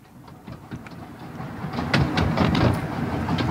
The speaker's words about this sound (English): As I sat with my eyes closed, listening to the sound of the train, my own voice came back to me from long, long ago.